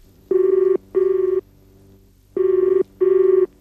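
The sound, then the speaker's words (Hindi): A telephone rings with an urgent call from home, in the classic double-ring pattern: two quick electronic buzzes, a pause, then two more, loud with no one talking. “हाँ एक minute sir, आपका फोन है सर घर से, अर्जेंट।”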